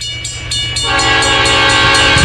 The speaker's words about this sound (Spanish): Saludotes, por acá nos llega el tren Yagari. Saludotes.